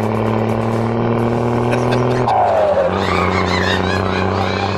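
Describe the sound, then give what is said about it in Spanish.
A steady, synthetic engine-like hum from the Olimnia electric car's warning sound, played through speakers fitted so the car can be heard, droning with layered low tones, briefly swelling into a rising whine midway before settling back to a constant loud drone. “Dicen que le pusieron bocinas para que se oiga porque es un peligro, abuelita, que no se oiga.”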